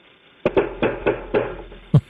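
A SWAT team of FBI agents with a warrant knocks heavily and rapidly on a door: about six hard blows in quick succession, ending with one especially forceful bang.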